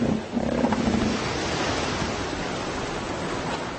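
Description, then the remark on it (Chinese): Deep, throaty roars of elephant seals come ashore rumble over steady crashing surf, loudest in the first second before fading into the constant wash of waves on a beach. “每年都会有成千上万的象海豹来到陆地。”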